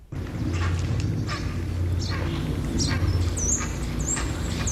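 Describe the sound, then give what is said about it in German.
Herons at a nesting colony give harsh, croaking calls that repeat from several birds at once, heard from beneath a tree holding six occupied nests where birds are brooding; the calls rise over a steady low rumble, with thinner high chirps scattered through. “Das sind eigenartige Schreie, die Reihe an sich.”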